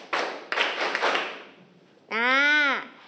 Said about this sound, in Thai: ถ้าพร้อมแล้วปรบมือ5ครั้ง